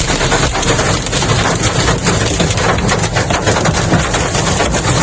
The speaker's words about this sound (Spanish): Así sonaba el granizo en Hellín, trombas de agua como en Chinchilla de Monte Aragón, Ontur, Pozo Hondo, Letur o Hellín.